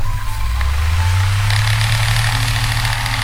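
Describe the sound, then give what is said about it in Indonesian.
An electric fan whirs steadily with a low, constant motor hum and a soft airy hiss, unchanging throughout, with no voices, in a bedroom at night. “Dengan ditemani suara kipas, berdesir, berputar, berulang,”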